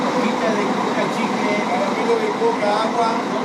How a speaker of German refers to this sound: Vor dem Bahnhof von Salta schnurren 3 Reisebusse vor sich hin.